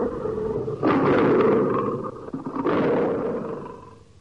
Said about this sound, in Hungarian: Megérkeztek a többiek is. Hangosan morogtak, amint harapdálni kezdték a még talpon álló bivaj terebélyes hasát.